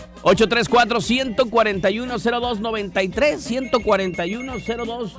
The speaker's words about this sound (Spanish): Ahí está el teléfono ya sonando. Ahorita contestamos llamada.